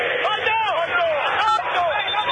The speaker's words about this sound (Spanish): Grita el pueblo de River